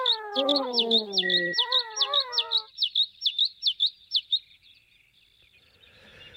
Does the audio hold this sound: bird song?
yes